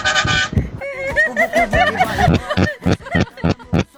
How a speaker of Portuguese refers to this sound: Isso aqui tá engasgada, velho. Isso aqui tá engasgada, essa buzina. Você nunca me... Essa buzina do cara que tá meio engasgada, véio. Só pode, velho.